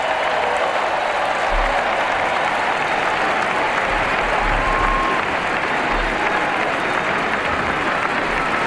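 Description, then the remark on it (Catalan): Sustained applause from a large audience, including the Pope and the King and Queen of Spain, at a fireworks event ahead of the summer solstice broadcast live on Ràdio 4, a dense, steady wash of clapping that stays loud and even for the whole stretch, with a faint murmur of voices beneath it. “Escoltin l'aplaudiment del públic.”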